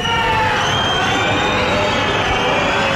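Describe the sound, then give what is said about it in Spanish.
A loud, dense crowd whistles and shouts continuously against the president of the Navarra government as she tries to take part in a Guardia Civil parade in Pamplona, shrill whistles streaking over a roaring wall of voices at full intensity throughout. “Pitidos y gritos en contra de la presidenta del gobierno de Navarra que intentaba participar en ese desfile de la Guardia Civil en Pamplona.”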